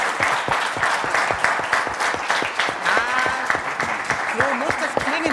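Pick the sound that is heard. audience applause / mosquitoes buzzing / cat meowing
audience applause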